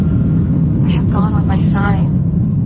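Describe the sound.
A steady, loud low rumble of an airplane cabin on a graduation flight for nervous flyers fills the whole recording, with brief indistinct voices murmuring over the engine drone partway through.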